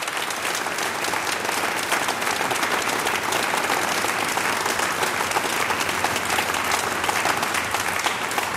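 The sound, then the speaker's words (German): A large audience claps steadily and loudly throughout, a dense, continuous wash of applause with no voices standing out, welcoming a band. “Ich begrüße noch einmal mit einem großen Applaus …, meine Damen und Herren.”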